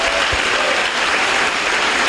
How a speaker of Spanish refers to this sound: Dale un buen aplauso a tu Señor ahora. Más fuerte, más fuerte, más fuerte.